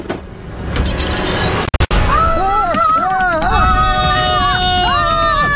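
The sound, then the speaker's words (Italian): A rapid, drum-like patter of imitated running footsteps of someone fleeing, made as a sound effect, loud and busy, broken by a brief gap, then joined by wavering, high vocal wails over the continuing rhythm. “Che sta suonando il djembe, che è? Sono i passetti della fuga.”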